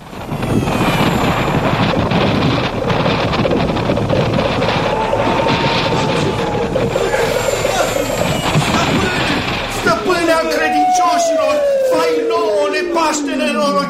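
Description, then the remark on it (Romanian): Loud, steady wind whooshes and roars for about ten seconds as Aladdin's palace flies away through the wind into the clouds, then gives way to a high, swooping whistle that glides downward as it fades. “Palatul lui Aladin zboară prin vântul ca pasărea cerului.”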